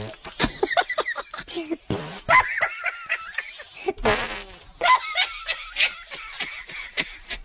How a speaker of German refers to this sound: Die Hefen und die Bakterien essen den Zucker, der im Mehl ist, und verdauen ihn. Dabei pupsen sie ein Gas aus, CO2.